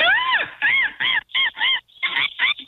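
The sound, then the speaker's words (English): A person imitates a seagull in a seagull calling contest with a string of loud, nasal, wavering squawks, about seven bursts rising and falling in pitch, separated by brief gaps, with no other talk. “Seagull calling contest.”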